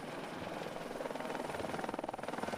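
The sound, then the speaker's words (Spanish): A helicopter used by Sami herders to round up thousands of reindeer flies, its rotor blades producing a steady, rapid thudding chop over a broad engine roar that grows slightly stronger and more pulsing toward the end. “Los últimos días, con ayuda de motos, cuatriciclos y helicópteros, los Sami han reagrupado a miles de renos.”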